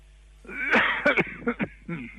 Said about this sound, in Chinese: 我刚才听咳嗽了，怎么了？嗓子不舒服吗？